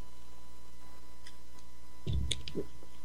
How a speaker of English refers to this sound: Let me cough here for a second. I get a slurp of water here.